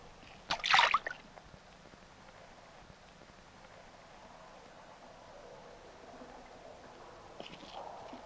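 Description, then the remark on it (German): A fish splashes once in the water, a short bright burst lasting under a second near the start, followed by a long stretch of quiet, faint watery trickling with no voices. “Habt ihr das gehört? Das war bloß ein Fisch.”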